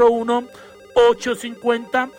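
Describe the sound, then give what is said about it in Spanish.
A phone rings for an incoming call with a melodic electronic ringtone, short bright tones chirping in quick pairs and clusters, fairly loud for a couple of seconds. “Tenemos más llamadas.”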